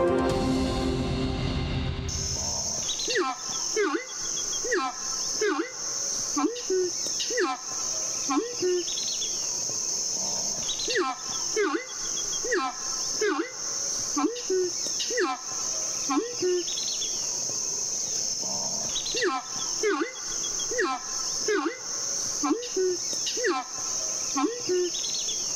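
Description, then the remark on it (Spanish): A horned screamer (arauco) calls repeatedly in a steady rhythm, its loud, harmonic honking notes rising and falling over a constant high buzz of insects, in the Orinoquía soundscape. “Este sonido corresponde al canto del arauco y hace parte del proyecto A Ritmo de Pájaros de la Fundación Corocoras.”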